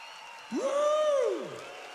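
Steady applause from an audience on a radio broadcast on 103.1, with a loud tonal whoop rising in pitch, holding briefly and sliding back down over the clapping.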